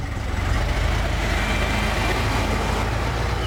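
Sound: car engine starting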